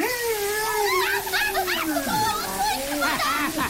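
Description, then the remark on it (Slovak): Steady splashing and spraying water hisses through the whole stretch as an elephant sprays water, partly masked by expressive, sliding voices that overlap it. “Dobrá práca, stríčko slon. Dobrá práca. Som úplne mokrá.”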